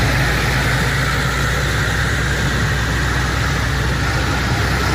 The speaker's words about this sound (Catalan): Mig centenar de pagesos i una quinzena de tractors han participat a la marxa lenta.